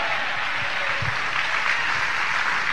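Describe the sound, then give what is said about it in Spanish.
A church audience claps steadily, many hands together forming a dense, continuous patter of applause at an even, fairly loud level with no voices. “Alguien le da palmas en esta hora, iglesia.”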